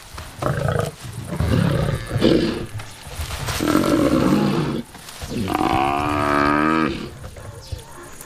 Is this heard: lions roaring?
yes